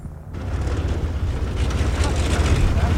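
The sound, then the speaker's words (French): A tow plane's engine arrives to tow a glider, a deep, continuous rumble with a broad roar over it, growing gradually louder over a few seconds without letting up. “Voilà, le remorqueur est arrivé.”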